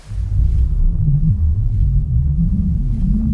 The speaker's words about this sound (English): It's got a watery quality to it, but you don't hear specific bubbles or anything like that. And what is the sound? What is the actual sound? Oh, God. I don't remember. This is one of those ones where it's this radically processed.